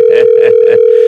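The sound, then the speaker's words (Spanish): A telephone ringing tone on an outgoing call to a friend, who does not answer: a steady, mid-pitched electronic tone with a buzzy pulse repeating about four times in quick succession, fairly loud, with no voices. “Está timbrando a nuestro amiguito.”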